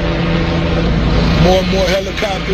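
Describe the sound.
Helicopters roar overhead at a house fire where fire trucks stand, in a loud, steady mechanical drone that fills the whole stretch, with faint muffled voices rising briefly under the noise toward the end.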